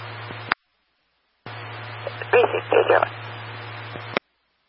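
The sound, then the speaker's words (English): A few short electronic telephone dialing tones pulse in a quick cluster as a phone call about an animal problem is placed, a call that went straight to voicemail, heard through a thin, hissy radio channel with a steady low hum underneath. “I just tried to make that phone call, by the way, went straight to voicemail.”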